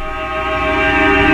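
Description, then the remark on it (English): Several altered car horns blare together in one loud, sustained droning chord that swells slightly louder over a second and a half, opening a rock song, with no voices present. “These are all car horns to kick off the song.”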